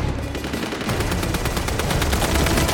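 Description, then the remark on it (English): Dense, rapid gunfire rains down on a building's roof where Katniss ducks, crackling without pause in a relentless barrage of overlapping shots, loud, with heavy rumbling underneath and no voices. “She ducks as gunfire rains down on the roof.”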